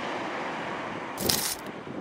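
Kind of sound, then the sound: nature, sea waves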